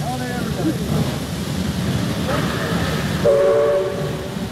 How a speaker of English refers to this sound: Coming into Glen Coe, I saw a solitary figure on the station, standing near the edge of the platform at the northern end. Our eyes met fleetingly as the train ground to a standstill.